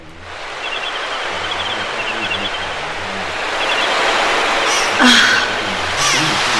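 A steady wash of ocean waves breaking, a broad hiss that swells louder partway through, with faint high chirping above and no voices.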